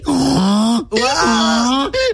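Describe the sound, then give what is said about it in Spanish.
Someone imitates a donkey's bray with their voice: three loud, strained vocal bursts whose pitch lurches up and down in a hee-haw pattern, with short breaks between them. “You can do a good donkey one.”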